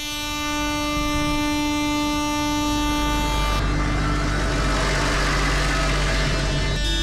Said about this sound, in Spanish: El ruido de las bocinas y los motores se ha vuelto a escuchar en la capital alavesa.